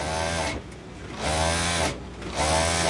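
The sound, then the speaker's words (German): A sewing machine, used by a 68-year-old woman in a small alterations shop in a covered market, runs in three steady bursts of whirring motor hum, each lasting about a second, separated by brief pauses with no voices. “über ihre Nähmaschine gebeugt, zwischen Stoffrollen, Bügelbrettern und chinesischen Glücksbringern.”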